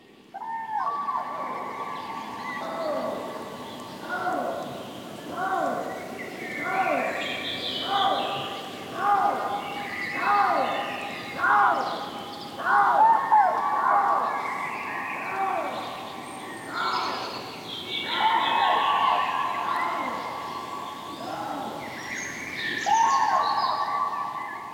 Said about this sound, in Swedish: Och här är en häftig kombination som man kan få höra i Siggeforaområdet utanför Uppsala. Trana och lodjur.